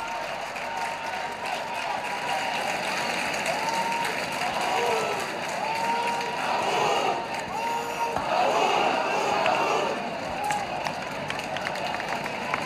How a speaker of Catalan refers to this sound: Els bous que ho celebren, que piquen de mans, que estrenyen els seus punys.